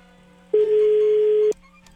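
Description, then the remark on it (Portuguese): A single steady telephone tone sounds for about one second, loud and clear over a faint low hum, then cuts off abruptly, like a line ringing while a call is placed to 'Popeye' during a programme. “Se ele atender o telefone, obviamente.”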